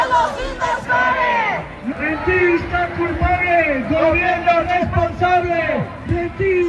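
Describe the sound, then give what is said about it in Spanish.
A crowd of housing-rights protesters shouting chants in unison such as "¡Los invasores! ¡Son los inversores!", marching from Plaza de la Encarnación toward the Andalusian government seat, Palacio de San Telmo. Loud rhythmic voices rise and fall together in repeated phrases, with general crowd noise underneath. “Estos son algunos de los gritos que se están escuchando.”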